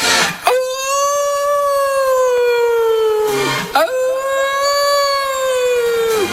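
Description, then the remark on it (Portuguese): Two long, loud wolf howls, one after another, each a sustained tone that holds steady and sags slightly in pitch before breaking off, with no other sounds around them. “Os lobos famentos das esteiras, a raza asesina dos lobos das esteiras.”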